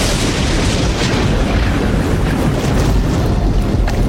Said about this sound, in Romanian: Bunică, ce-i cu zgomotul ăsta? Vine furtună, nu pare lucru de joacă.